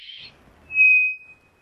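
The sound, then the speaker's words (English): A single flat, steady whistled bird note, held at one pitch for about half a second before fading out, preceded by a brief soft hiss. No talking. “Flat whistles.”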